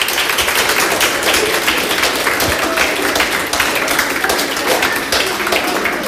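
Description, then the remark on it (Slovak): A crowd claps in sustained applause for the third-place prize winner of a competition, a dense and steady wash of many hands that stays at an even, fairly loud level for the whole stretch, with no voices on top. “Pridávať sa i pán protivňák, takže ešte jeden veľký aplaus pro Peťka.”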